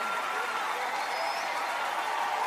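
An audience claps in a dense, steady wash of applause that holds at an even level for the whole stretch, with no clear voice standing out above it.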